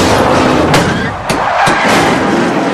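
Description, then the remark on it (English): A multiple-car pileup during a car race: a loud, dense roar of racing engines broken by three sharp, heavy crashing impacts in quick succession as cars collide and shed debris, the noise churning on after the collisions. “More cars collide, shedding debris, causing a huge multiple pileup.”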